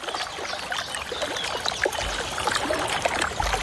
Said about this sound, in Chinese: 水花飞溅的声音唤醒了小山雀那颗好奇的心，一群年轻的蓝山雀正在一起享受沐浴。